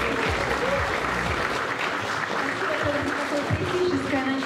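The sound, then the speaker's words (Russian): Steady audience applause, a dense wash of many hands clapping at once, sustained and fairly loud throughout with a few murmuring voices mixed underneath. “Во, за гэтай аплодисменты.”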